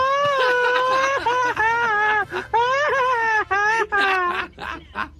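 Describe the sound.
A loud Mexican grito yell by a radio caller from San Luis Río Colorado, Sonora, delivered in a rapid, choppy machine-gun style, the high warbling voice breaking into quick staccato bursts with trilling pitch swoops for about five seconds.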